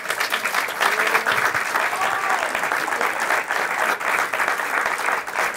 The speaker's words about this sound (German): Applaus